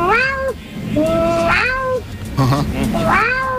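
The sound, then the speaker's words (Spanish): A radio caller from Belgium imitates their own cat, giving three drawn-out, whiny meows in quick succession, loud, with a short throaty break between them and no other talking. “Y no imito gaviota, yo soy más de animales de caza. Mi gata.”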